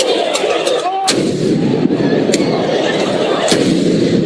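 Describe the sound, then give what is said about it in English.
Fireworks set off outside Madison Square Garden after a Knicks win bang repeatedly, several sharp loud cracks spaced a second or so apart, over a constant roar of crowd noise and street commotion. “City bikes destroyed and fireworks set off, all outside of Madison Square Garden.”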